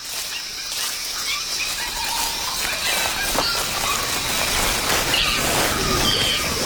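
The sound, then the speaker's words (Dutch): A group of early great apes in a subtropical forest shriek and squeal all around in a dense, overlapping chorus, shrill cries rising and falling without pause at a steady, fairly loud level, with no one speaking. “We horen echt overal om ons heen geluid, hè? Ja, ze zijn al flink aan het krijsen.”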